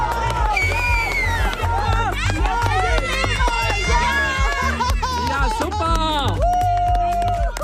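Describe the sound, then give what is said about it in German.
Runners race uphill in pairs, one pair every 30 seconds, on a 720-metre course to the finish, amid a loud, busy crowd, with shouts, chatter and cheering continuing throughout, the noise staying dense and energetic for the whole stretch. “Einer nach dem anderen, alle 30 Sekunden rennen sie hier in Paaren hoch.”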